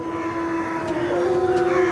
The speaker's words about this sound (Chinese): 这声嚎叫是在召集狼群准备狩猎。